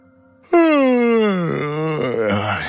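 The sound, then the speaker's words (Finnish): A person lets out one long, loud voiced yawn. It starts abruptly, slides downward in pitch and trails off over about two seconds, with no other sounds. “Haukottelu on tarttuvaa.”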